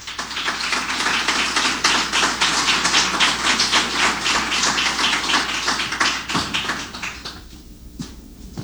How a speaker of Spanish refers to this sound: Les invito, por favor, a que lo recibamos con un fuerte aplauso.